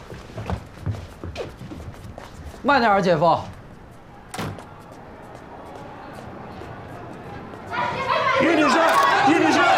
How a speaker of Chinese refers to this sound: 妈，我们 那边你关门啊。